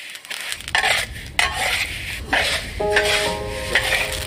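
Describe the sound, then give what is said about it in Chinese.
Sesame seeds are freshly stir-fried in a pan to roast them for a richer aroma, before being soaked in a vat of aged vinegar: repeated dry, hissing scrapes as a spatula sweeps through them, with clinks of metal and a brief ringing tone near the end. No voices. “芝麻现炒，焙出更浓郁的香味。”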